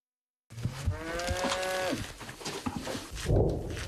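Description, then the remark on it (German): A cow moos in a long, drawn-out low call, with outdoor background noise and a brief rustle near the end; no one speaks. Cows roam near a military position where mines are laid. “In der Nähe unserer Stellung laufen Kühe herum.”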